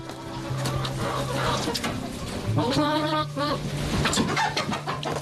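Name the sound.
chickens clucking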